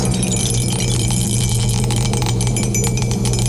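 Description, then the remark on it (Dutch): A die rattles inside a cup, shaken and stirred steadily for several seconds in a quick, continuous clatter of small hard knocks, fairly loud, over a low background hum. “De dobbelsteen gaat in de beker. En we gaan eens even schudden en roeren.”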